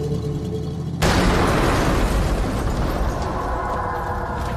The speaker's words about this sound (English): He said the explosion didn't happen until after Nathan started the truck.